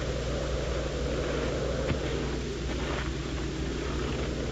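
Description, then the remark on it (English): A steady, droning car engine hums at an even level throughout, with a low rumble and constant road noise, as if heard from inside a moving vehicle driving out of town on a cold, crisp day; no one speaks. “Lieutenant Younger and I drove out in the cold, crisp day to the scene of the murder”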